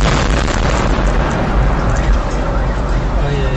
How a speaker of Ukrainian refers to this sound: Потужні вибухи пролунали близько 4-ї години вечора, коли люди поверталися з роботи.